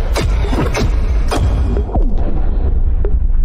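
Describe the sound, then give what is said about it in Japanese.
Loud, continuous low rumbling with several sharp booming bursts scattered throughout, like a chain of explosions in a video game, dense, with no voices. “え、待って、あれ爆発するの？”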